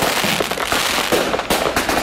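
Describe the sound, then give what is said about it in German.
Firecrackers and fireworks crackle and bang in a dense, continuous barrage, with sharp loud pops standing out over a constant hissing, crackling wash. No one speaks. “August normalerweise mit Grillen, grossem Feuer und Zuckerstock und Raketli gefeiert wird, dieses Jahr hat der Kanton Bern ein Feuer- und Feuerwerksverbot herausgegeben, weil es einfach viel zu trocken ist.”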